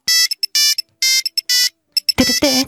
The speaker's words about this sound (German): Ja, ja, viele, viele Erinnerungen an den alten Handy-Sounds.